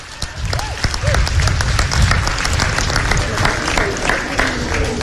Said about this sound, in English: Can I ask for a round of applause, please, for our sponsors, Ayr?